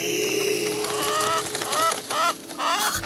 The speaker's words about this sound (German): Was für denn der fremde Hahn? Fort mit dir! Fort! Kusch, kusch, kusch, kusch!